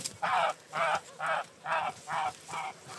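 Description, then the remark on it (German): A goose injured after being pecked by common ravens honks six times in a steady, evenly spaced rhythm, each call a short, loud, nasal blast, with faint background noise between calls and no talking. “So sieht eine Gans aus, die von Kolkraben einfach nur angehackt wurde.”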